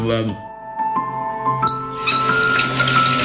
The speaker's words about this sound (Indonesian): Yuk, itu kerannya belum ketutup loh. Ah, udahlah, cuma netes doang.